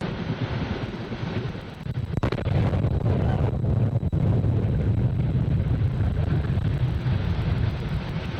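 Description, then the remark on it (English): A New Glenn rocket explodes at night during an engine test on the launch pad, filmed on a resident's cell phone: a low rumbling roar suddenly breaks into a sharp blast, followed by a heavy, sustained thundering rumble with wind buffeting the microphone. No voices. “Many residents, hoping to catch a nighttime launch on their cell phones, caught an explosion instead.”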